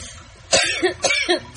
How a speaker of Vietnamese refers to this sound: Vừa đói vừa ho